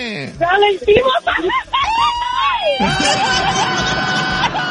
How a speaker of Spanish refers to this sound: ¡Aviéntese un grito, comadre!